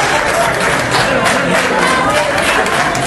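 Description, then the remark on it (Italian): Steady, dense applause from a large crowd welcoming Sánchez at the FAO headquarters, many hands clapping at once in a continuous wash of sound, fairly loud and sustained throughout with a faint murmur of voices underneath. “Ma gli applausi con cui Sanchez è stato accolto nella sede della FAO fanno capire chi è il vero favorito.”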